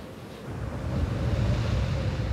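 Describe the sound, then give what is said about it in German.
The Bura, a cold downslope wind from the Velebit range, gusts across open sea at over 200 km/h in a steady, loud rushing roar with a deep rumble underneath, swelling slightly after the first moment and holding constant, with no voices. “Die Bura, ein kalter Fallwind, kommt plötzlich, pfeift über Land und Meer und erreicht Geschwindigkeiten von über 200 Kilometern pro Stunde.”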